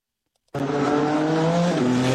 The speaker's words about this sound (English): A lot of horsepower roaring on the streets of the Capitol for the first time. The Freedom 250 Grand Prix.